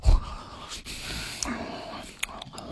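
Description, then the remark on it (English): A person imitates a dad noisily eating corn, like a bulldog eating porridge, with steady, heavy breathy huffs and hissing, broken by a few sharp mouth clicks, all at a moderate, even level for about three seconds. “She wrote, when my dad eats corn, he sounds like a bulldog eating porridge. It's nothing but mouth noises, heavy breathing, and debris.”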